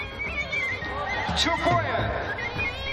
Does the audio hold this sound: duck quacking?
no